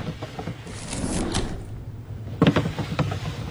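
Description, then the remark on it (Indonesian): A boy opens wooden desk drawers one after another, with scraping rumbles and a couple of sharper knocks near the end, moderately loud, no voices. “Ia pun membuka satu persatu laci meja.”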